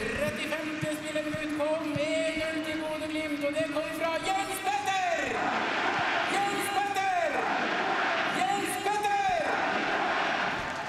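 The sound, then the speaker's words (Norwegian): The crowd at Aspmyra stadion cheers Jens Petter Hauge's counterattack goal for Bodø/Glimt against Sandefjord in a loud, continuous roar, with chanting voices that swell and fall in repeated waves. “Jens Petter Hauge får sin hyllest fra publikum på Aspmyra stadion.”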